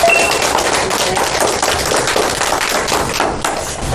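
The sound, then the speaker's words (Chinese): A classroom full of schoolchildren claps for a classmate in a steady, dense patter of many hands, loud and sustained for several seconds with no voices over it. “非常好，同学们掌声送给他。”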